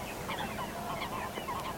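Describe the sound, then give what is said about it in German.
Several birds call in quick succession from the reeds at the Helmstausee reservoir, harsh honking notes overlapping, with a steady low outdoor rumble underneath and no voices. “Ja, so klang es, als wir am Samstag ein Marathon des Vogelhörens und Guckens starteten. Am Helmstausee nämlich.”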